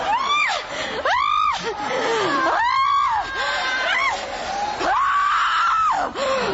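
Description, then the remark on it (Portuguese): A person screams loudly and repeatedly during an exorcism prayer in the name of Jesus: about five drawn-out, strained cries that rise and fall in pitch, with only brief breaths between them. “Vai gritando pra Jesus queimar.”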